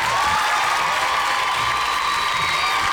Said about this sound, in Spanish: Un aplauso, un aplauso para la maestra, ¿por qué no? Se lo merece.